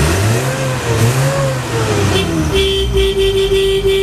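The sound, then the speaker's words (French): A 1960 Peugeot D4B van's engine revs and idles roughly for a couple of seconds, then a loud, steady horn blast sounds over the running motor until the end. “Alors c'est un camion Peugeot D4B qui date de 1960.”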